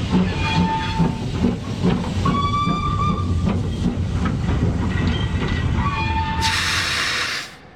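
A steam train rumbles steadily, with short whistle blasts sounding over it, then a loud burst of hissing steam near the end before the sound cuts off. No one speaks.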